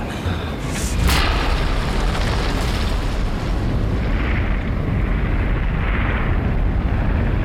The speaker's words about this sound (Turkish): Bu başka bir çığ. Büyük bir tane.